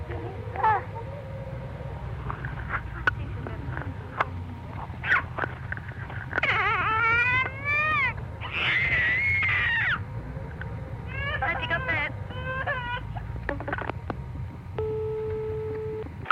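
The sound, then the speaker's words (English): A 15-month-old girl lets out several shrill, rising squeals and screams in bursts over a steady low hum, like through a phone line. “I'll try and get my little 15-month-old daughter, who's got a terrific scream.”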